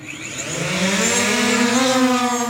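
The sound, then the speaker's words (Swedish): A delivery drone from a drone delivery service expanding to nearly 500 US cities lifts off, its rotors building into a loud, steady buzzing whir that climbs gradually in pitch, with layered harmonic tones and no voices. “giant is expanding their drone delivery service to nearly 500 cities nationwide.”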